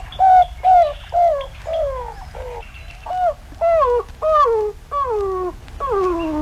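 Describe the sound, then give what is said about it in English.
A roadrunner calling: a string of about ten loud, descending cooing notes, each sliding downward in pitch with a slightly whiny, puppy-like tone, repeated at a steady pace with no talking. “You want to hear the actual sound of a Roadrunner?”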